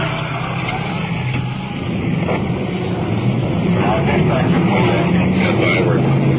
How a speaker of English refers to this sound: We've pulled over the curb to allow a big pumper truck to roll past us.